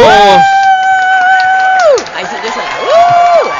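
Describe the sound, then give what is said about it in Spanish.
A show's audience cheers and applauds loudly as a guest host is welcomed, with long, sustained whoops and shouts rising and falling over a dense bed of noisy crowd sound, fading briefly before another whoop swells near the end. “Sí, ahí están los aplausos, la gente te aplaude, te saluda.”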